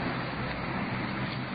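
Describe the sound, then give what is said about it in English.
Police car 5-2 pulls away carrying a handcuffed prisoner, its engine and road noise a steady, even rumble with a broad hiss over it. No voices are heard and the level stays constant throughout. “There goes car 5-2. Moving on now with the prisoner.”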